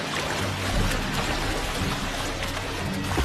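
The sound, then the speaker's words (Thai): Churning water rushes continuously with a dense, hissing wash and a low rumble underneath, like waves surging and breaking against rocks among kelp rafts, stirred up by a whale rocking its body to wash a seal off the rocks. No voices are heard. “แรงซัดของน้ำทำให้มันฉุกคิดถึงโอกาสที่ดีกว่า”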